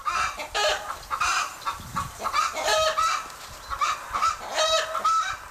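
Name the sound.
chicken clucking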